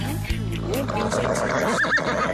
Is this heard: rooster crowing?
no